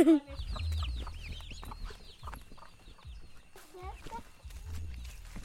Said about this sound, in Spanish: Hay una gallina y unos pollitos y unos pavitos. ¿Y qué más? Y están comiendo.